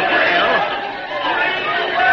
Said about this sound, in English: Oh, listen to that crowd.